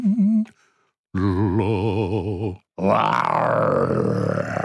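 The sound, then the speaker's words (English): A human voice imitates a lion's roar in a few loud, wavering growls separated by short pauses, the last one rough and sustained with a rising, gravelly tone. “I love my voice when I do a lion.”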